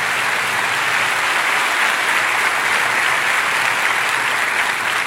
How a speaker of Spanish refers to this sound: ¿Por qué no le damos la bienvenida a nuestro Señor con un caluroso aplauso?